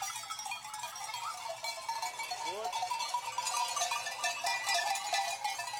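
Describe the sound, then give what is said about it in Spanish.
A flock of sheep with many small bells clinking and jangling continuously as they are let out in groups from a refuge at dawn, heading for a bridge over a torrent, with a brief bleat rising partway through, steady throughout. “Dejan salir a las ovejas en grupos.”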